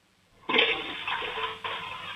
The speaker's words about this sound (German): Und ich weiß auch ganz genau, du willst mir deine Klospülung zeigen, oder? Ja. Lauf los, ich bin schon sehr gespannt. Ob du eine coole Klospülung hast. So eine richtig laute.